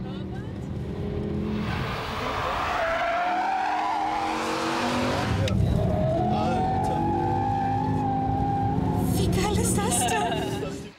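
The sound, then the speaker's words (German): Race cars roar around the Nordschleife track of the Nürburgring, engines whining up and down in pitch as tires squeal and skid through corners, a loud, continuous rush of motor noise lasting throughout. “Auf dem Nürburgring fahren seit Jahrzehnten ehemalige Profirennfahrer, wagemutige Touristen über die Nordschleife.”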